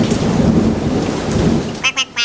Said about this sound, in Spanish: Se largó una lluvia muy fuerte y los chicos se mojaron todo.